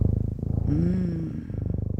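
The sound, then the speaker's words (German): A cat purrs steadily, a low rhythmic rumble that swells briefly in the middle with a soft tonal trill before settling back into the even purr. “Also ich weiß ja nicht, wie es euch geht, aber oh, das ist schon sehr beruhigend hier, dieses Schnurren im Hintergrund.”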